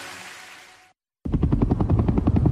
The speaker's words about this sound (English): It was the sound of a helicopter in the distance, and I knew it was looking for me.